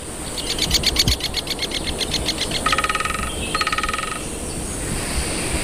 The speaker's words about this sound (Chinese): 加纳利群岛位于非洲西北部海域，在这座火山群岛的松林中生活着一种羽毛鲜艳的鸟类，大斑啄木鸟。大斑啄木鸟非常善于啄凿这些高耸的松树。